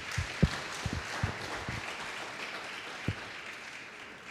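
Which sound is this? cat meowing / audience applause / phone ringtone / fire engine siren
audience applause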